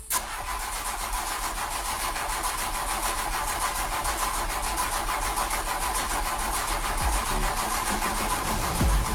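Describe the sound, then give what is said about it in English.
A car engine cranks continuously for about nine seconds, a steady rapid rhythmic churning that never catches, recorded at an even, fairly loud level with no voices. “Now, I don't want you to panic when you hear this next sound. It's not your car. There's nothing wrong with it.”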